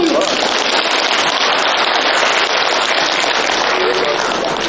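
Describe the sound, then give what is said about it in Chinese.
Loud, sustained audience applause: a dense, crackling wash of many hands clapping that holds steady for nearly five seconds without fading. “谢您雷鸣般的掌声。”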